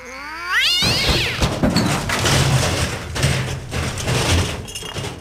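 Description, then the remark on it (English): A cat lets out a short, rising caterwaul, followed at once by a loud, sustained clatter and crash like glass and objects tumbling for several seconds. No one speaks. “That's the drunken cat.”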